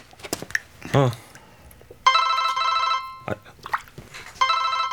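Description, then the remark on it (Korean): A phone rings in two electronic bursts, a steady harmonic trill lasting about a second each, with a pause between; it is a call from Margaret. Some brief voices and bumps are heard before and between the rings. “야, 마거릿 전화다.”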